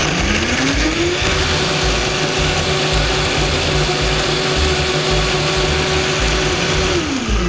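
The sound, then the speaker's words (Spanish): A blender motor whirs up to full speed and grinds steadily through a thick mixture of roasted tomatillos with no added liquid for several seconds, loud, then winds down at the end. No one speaks. “Entonces vamos a licuar esto muy bien.”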